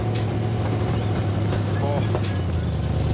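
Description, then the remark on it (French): A student-built car's engine idles on the school grounds with a loud, steady, throaty exhaust rumble through very short exhaust connectors made at the school, holding an even low pitch for the whole stretch while a faint voice briefly sounds over it. “Vous avez travaillé les échappements en plus pour avoir un son pareil.”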